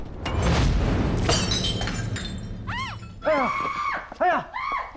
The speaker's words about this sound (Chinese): 哎呀！怎么回事？怎么这么不小心的呀？哎，你说这么大的地方啊，这么大的花瓶，你们怎么就把它摔碎了呢？